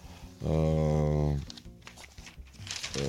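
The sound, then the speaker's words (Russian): Pages of the newspaper Israel Hayom rustle and crinkle as they are turned, a few soft papery bursts following a brief sustained hum from a voice. “«Исраэль Айом», листаю.”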